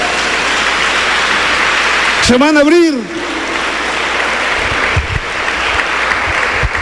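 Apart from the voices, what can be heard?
audience applause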